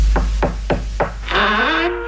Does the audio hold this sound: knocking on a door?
yes